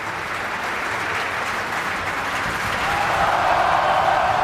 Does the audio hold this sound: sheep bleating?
no